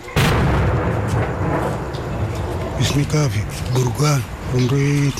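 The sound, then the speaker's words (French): A heavy blast opens, followed by a low, continuous rumble of artillery bombardment and cannon fire in Oumbada, on the western outskirts of Khartoum; partway through, people begin talking over the lingering booming background. “Quand on entend les bombardements et les tirs des canons, on se met sous les lits pour se protéger.”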